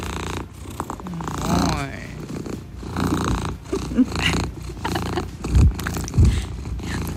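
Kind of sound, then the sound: animal, cat purring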